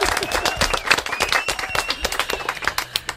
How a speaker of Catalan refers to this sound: Fort aplaudiment